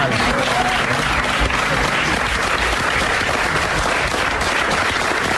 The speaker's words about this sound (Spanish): todas las personas que estaban allí dentro, porque había hasta una especie de audiencia allí, ¿sabes?, de compañeros y compañeras, pues le aplaudieron, lloramos todos